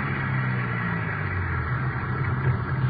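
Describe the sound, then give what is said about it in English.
A car's engine rumbles steadily at low pitch as the vehicle rolls in to park at city hall at 5:15 p.m., a continuous hum with no voices and no clear change in pace. “The car pulled.”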